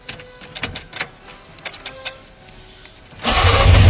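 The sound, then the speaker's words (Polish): An old FSO Syrena car engine, a model FSO began producing in 1972, is cranked several times with uneven, sputtering turns because of an ignition problem, then catches about three seconds in and bursts into a loud, steady roar. “1972 rok. FSO rozpoczęło produkcję tego samochodu. Poznacie go po dźwięku.”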